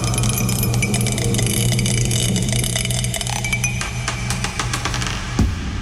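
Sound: die spinning and rolling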